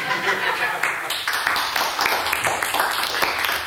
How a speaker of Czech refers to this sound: Prosím vás pěkně, mám radost vašeho potlesku. Ten potlesk, ten nezanikne, protože si ho budu vozit po svých vystoupeních a tam, kde bude kožené publikum, tam ho spustíme.